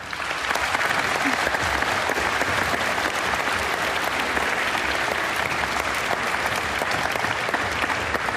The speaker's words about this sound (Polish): dlatego chciałam gorąco poprosić o największe brawa dla pani